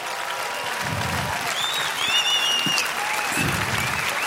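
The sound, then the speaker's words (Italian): A jazz concert crowd bursts into sustained applause for a trumpeter and a saxophonist, dense clapping filling the whole stretch at a steady loud level, with a few faint high whistles rising above it. “Fate un applauso che sono qua dietro.”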